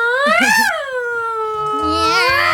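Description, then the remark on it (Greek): A human voice imitates cats yowling at night outside a house: a loud, drawn-out nasal wail that swoops up and down in pitch, then settles into a lower, wavering moan. “Με μια συγκεκριμένη κατηγορία γάτων. Αυτές που κάθε βράδυ έξω από το σπίτι μου πατακιούτα πατακιούτα.”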